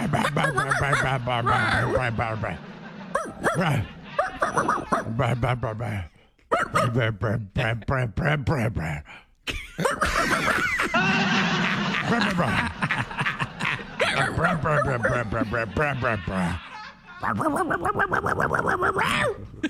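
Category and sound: vocal imitation, people imitating dog barking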